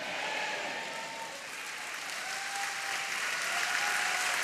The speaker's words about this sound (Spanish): Vamos, dele palmas. Dele palmas, dele.